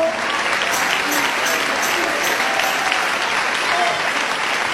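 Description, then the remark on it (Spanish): A crowd at a religious gathering gives an applause of praise to God, a dense, loud wash of clapping that holds at an even level without letup for the whole stretch, with a few indistinct voices mixed into it. “Si lo crees, dale ese aplauso de alabanza.”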